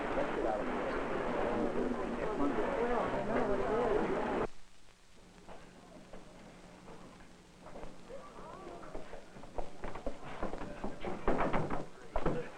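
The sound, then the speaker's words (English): A busy wash of noise cuts off, then a series of irregular knocks on an outside door, with faint voices murmuring underneath. “Sir, someone knocking at the outside door.”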